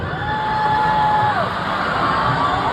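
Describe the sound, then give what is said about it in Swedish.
An audience boos loudly at a performer in a dense, steady roar of voices after she says they can't play "illegal" because some of the audience could be illegal. A single high, sustained whistle-like tone rises above the crowd for over a second, then fades back into the din. “Och sen efter publikens burop försökte hon lite så, ja, men få dem på sin sida genom att säga något i stil med att nej, men jag är själv illegal”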